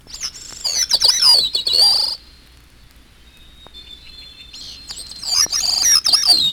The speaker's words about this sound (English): And hermit thrush. No sounds in the background or anywhere else in this misterioso movement than the songs of those four thrushes.